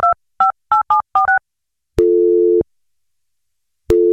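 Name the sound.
telephone call tone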